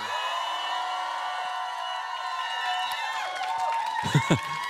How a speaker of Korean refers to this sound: 그래서 긴장을 안 하려면 어떻게 해야 되나 생각을 해봤는데, 여러분들이 소리를 한번 질러주시면 될 것 같습니다. 소리 질러봐!